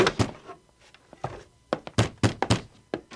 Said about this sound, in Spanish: abre la puerta, por favor.